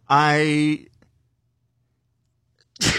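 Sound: sneeze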